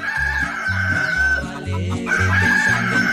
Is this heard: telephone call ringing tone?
no